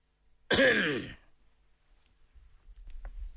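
A single dry, harsh throat clearing bursts out loudly at close range, lasting about half a second, followed by faint low rumbling and a soft click.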